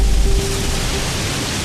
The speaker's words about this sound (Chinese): 哇，这风！